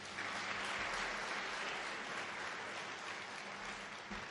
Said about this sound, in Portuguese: Uma salva de palmas para todos.